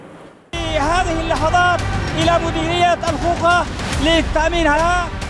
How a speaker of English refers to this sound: Gunfire, chants, and scenes of jubilation. This is how Houthi fighters are celebrating their push into Yemen's western coast after seizing ground around Mocha and Tubab.